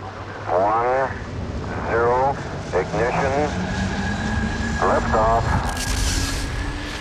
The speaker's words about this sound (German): Das klang jetzt aber wie ein Raketenstart. Es war auch einer. Mit Raketen werden Satelliten ins Weltall geschossen.